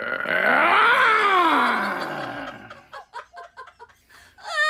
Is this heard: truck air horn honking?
no